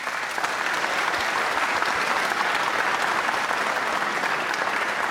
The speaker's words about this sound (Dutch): Mag ik een groot applaus voor Hawieg Elders.